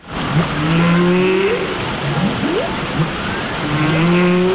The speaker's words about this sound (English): Now, news of an unusual musical collaboration between humans and animals. A choir here in the UK has created a song featuring the sounds of humpback whales living off the coast of Iceland.